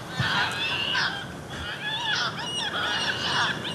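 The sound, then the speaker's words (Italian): Repeated harsh, nasal calls of Audouin's gulls, a species that nests only in the Mediterranean: several overlapping cries in a busy colony chorus, steady in loudness, with no voices present. “In entrambi i luoghi, tra le specie osservate, una in particolare, il gabbiano corso, che nidifica solo nel Mediterraneo.”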